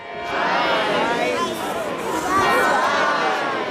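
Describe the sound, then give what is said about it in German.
A crowd of children's voices on the Rathausplatz in Augsburg fills the air as they count along with the bell strikes from the Perlach Tower on Michaelmas Day. Overlapping chatter and calls rise and fall together in a steady, lively din with no single voice standing out. “Die Kinder auf dem Rathausplatz zählen mit.”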